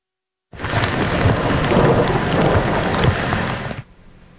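Heavy rain pours down in Montreal in the afternoon onto already oversaturated land, a dense, steady roar that starts abruptly, holds loud and constant for about three seconds, then cuts off to a faint hiss. No voices are heard.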